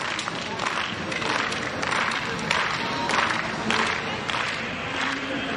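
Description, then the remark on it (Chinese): Spectators, notably Swedish ones, clap together in a steady rhythmic beat, roughly two claps per second, to cheer on athletes at an outdoor athletics throwing event, over a continuous bed of cheering and crowd noise, sounding fairly loud and spread out. “这个练球项目在外场进行，一是比较安静，二是在比赛的过程当中呢，鼓掌打节拍去给运动员加油的这种声势可能没有那么的浩大”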